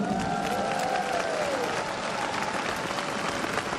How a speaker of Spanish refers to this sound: Y por favor, a los amigos y amigas que nos están acompañando a través de la radio y la televisión en muchos países, mandémosles un fuerte aplauso.